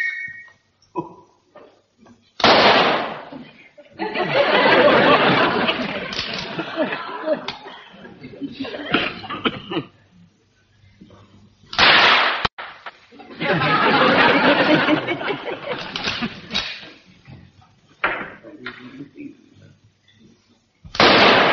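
A few rifle rounds fired at targets as a demonstration crack out one at a time, spaced several seconds apart, each a loud, sharp burst followed by long stretches of rough, noisy rumbling and crowd-like sound.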